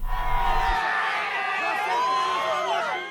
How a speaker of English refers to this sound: Crowds cheers right-wing senator and presidential hopeful Flavio Bolsonaro arrive for an event in Sao Paulo.